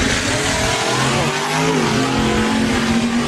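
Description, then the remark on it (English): Loud, continuous engine roar of race cars revving, with rising and falling pitch sweeps as the motors accelerate, no voices present. “Oh, that's a close race.”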